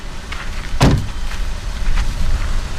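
Gear being unloaded from a car: one solid, close thump rings out briefly, followed by faint scraping and handling noises over a steady outdoor background, with nobody speaking.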